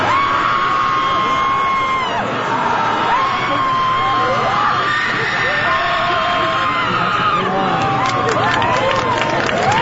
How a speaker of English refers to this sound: Awesome. The release of energy in such a positive way is wonderful. Not only is there a group guttural scream, there's also a screaming contest with points for volume, duration, and style.